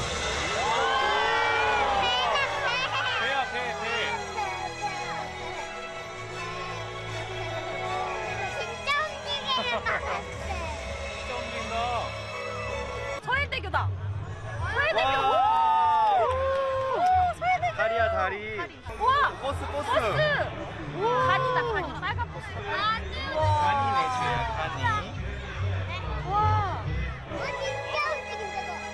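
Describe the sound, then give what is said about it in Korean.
A large outdoor crowd in a park cheers and shouts continuously at a drone show of a thousand drones, with many excited voices, including children, rising and falling in a dense, lively roar over background music. “사람들의 환호 속에 천대의 드론이 계속해서 모습을 바꾸는데요.”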